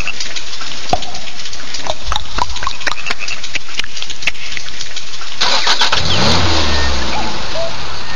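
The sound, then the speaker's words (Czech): A Škoda Octavia car engine starts up: several seconds of sharp clicks and knocks, then the motor catches with a loud rush and settles into a steady, low idle rumble. “hodná oktávka, hodná, fakt, jo, jako. Pojď. Poslech to, pánička, no, nastartuj”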